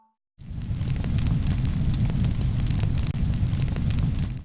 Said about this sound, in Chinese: 没错，不过蒸汽烫烫的，很危险。这个重要的步骤，我们要请妈妈来当指挥官。 来啦，小厨师们准备好，我们要给梅干菜注入灵魂的蒸汽了。